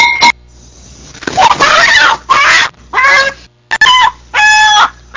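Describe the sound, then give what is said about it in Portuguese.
A hen clucks and squawks in a series of loud, uneven bursts with short pauses between them, some calls drawn out and nasal, with no talking. “É, dona galinha. É, que foi?”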